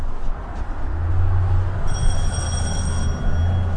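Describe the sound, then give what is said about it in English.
A very loud door bell in the entryway of a funeral home, an old three-story colonial in Woodstock, rings with a sustained, high metallic tone lasting about a second and a half, over a steady low rumbling hum. No one speaks. “We have that very loud bell in case this is not an expected visit from someone.”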